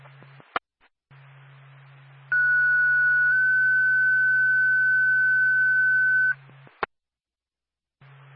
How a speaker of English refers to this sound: Stand by for a tone.